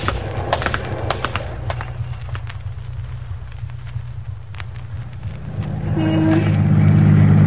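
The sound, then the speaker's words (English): A car drives steadily through traffic, its engine a low continuous rumble with scattered clicks and passing noises, swelling louder near the end as another vehicle draws close. “A lot of traffic out, more than we counted on.”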